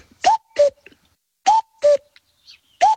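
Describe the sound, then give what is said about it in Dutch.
A common cuckoo calls its clear two-note cuck-oo, the second note lower, twice in a row with a pause between, then begins again, loud against a quiet background with no talking, in Oosterwolde, Zuidoost-Friesland, heard in the afternoon while weeding a vegetable garden. “De koekoek. We hebben hem gehoord, eindelijk.”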